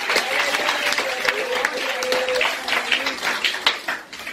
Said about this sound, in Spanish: En ese aplauso y alabanza al Señor.